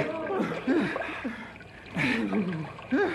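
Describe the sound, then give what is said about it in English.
Water splashes and churns in bursts as a person is pulled by rope out of icy water through a hole in the ice, while people strain and call out over the commotion, their voices rising and falling through the sloshing. “Look what we pulled out of the drink. We make big hole in ice.”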